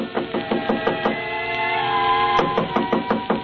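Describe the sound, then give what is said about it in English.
Rapid, firm knocking on a wooden hotel room door, a quick run of about six raps, a brief pause, then another burst of knocks, all over a steady humming tone in the background. “I had just put down the phone when someone knocked on the door.”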